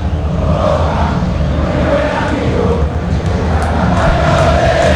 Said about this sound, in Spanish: El grito del hincha de Boca que se hace sentir en la noche de la Bombonera, en la Sudamericana también presente el hincha de Boca.